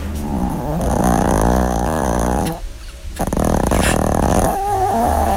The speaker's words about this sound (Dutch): Ik heb hier een opname van onze weilen hond, die op dat moment een lucide droom heeft.